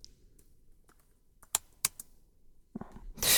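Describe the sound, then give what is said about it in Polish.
Typing on a computer keyboard whose design is partly based on Magic Keys: a handful of sharp, separate key clicks with uneven gaps, then a quick burst of louder keystrokes at the end. No one speaks. “O, teraz mogę pisać to.”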